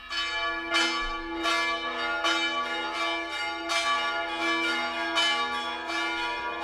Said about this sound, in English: I think they're wedding bells. I'm not sure.